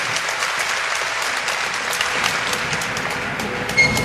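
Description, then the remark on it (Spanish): An audience applauds the Lord together in a sustained, dense burst of clapping at a steady level for several seconds, with no voices standing out. “Démosle un aplauso a nuestro Señor.”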